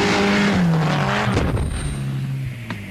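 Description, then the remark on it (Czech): A Škoda Favorit rally car, in a 1993 advertisement, racing on ice at Rally Sweden: its engine roars and revs loudly while its tires skid and squeal, the pitch shifting as the car slides, with a sharp burst of gravelly noise partway through. “V rally Švédsko na ledě ve své třídě v tomto roce zvítězila”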